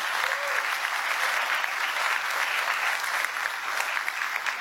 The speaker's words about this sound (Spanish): Agradecemos infinitamente la presencia de las madres en este auditorio que nos acompañan y engalanan esta noche. Un aplauso para todas nuestras madres.